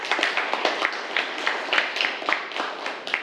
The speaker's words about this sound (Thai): ไม่มีนะครับปรบมือให้กับเพื่อนนะครับ